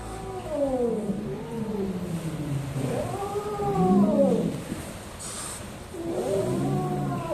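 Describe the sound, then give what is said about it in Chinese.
A wild kitten that turned up at a herder's home in Menyuan County calls three times in drawn-out, wavering cries that rise and fall, unlike a house cat's meow, fairly loud over a steady background hiss, with short gaps between calls. “跟咱们家猫的声带不一样，它不会发出那种家猫一样喵喵的声音。”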